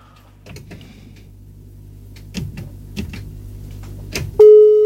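Muffled handling clicks and rustles give way to a sudden, loud, steady electronic telephone line tone as a listener's call to a radio program drops, sounding alone at the very end.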